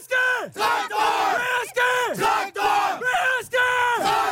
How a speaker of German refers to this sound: Wir haben als Tradition den Traktor im Herzen und im Logo. Das stammt aus der Historie der Betriebssportgemeinschaft Traktor Prozell. Und die Spieler rufen das als Schlachtruf vor Beginn des Spiels.